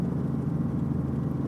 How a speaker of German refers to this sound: So, jetzt wird er langsam weich, der Hubschrauber. Jetzt merkst du schon, er fängt so ein bisschen an zu knabbern.